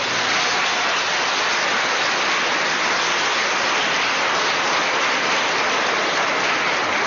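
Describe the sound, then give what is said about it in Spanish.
An audience applauds for parents hugging their children, with dense, steady clapping that holds at a fairly loud, even level for about seven seconds, with no voices breaking through. “Ay, mire qué bonito, démosles un aplauso.”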